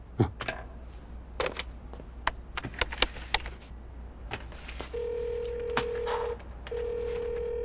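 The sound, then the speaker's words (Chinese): A quick, uneven series of telephone keypad presses, short clicky beeps, as someone dials to call their family, followed by a steady electronic tone from the line that sounds twice with a brief pause. No one speaks. “我能给我家人打个电话吗？”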